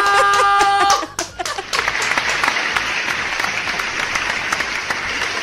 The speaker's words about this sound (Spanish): ¡Fuerte el aplauso!